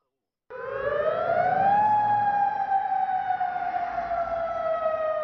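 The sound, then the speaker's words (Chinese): An air raid siren in Amman, Jordan, at night, warning residents of what are believed to be Iranian missiles crossing the airspace toward Israel. It wails loudly, its steady tone rising for about a second and then gliding slowly downward in one long sustained sweep, with a low background rumble underneath. “约旦首都安曼晚上也响起防空警报，警告民众，相信是伊朗导弹穿越领空飞往以色列。”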